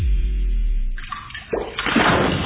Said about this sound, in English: When the water starts flowing where it shouldn't, you need help now.